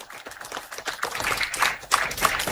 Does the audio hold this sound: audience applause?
yes